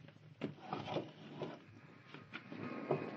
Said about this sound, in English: Oh, breaking off a leg of this chair. It isn't much of a weapon, but we might need it.